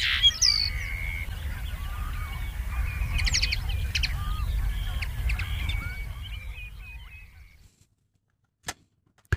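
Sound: common linnet song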